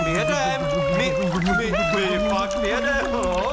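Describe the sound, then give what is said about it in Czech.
Loud, steady bubbling as air is blown through a pig's elephant-like trunk dipped into water to drive a boat like a motor, a continuous warbling gurgle lasting several seconds, with a voiced, motor-like wobble. “Zkus ten chobot ponořit do vody a fouknout.”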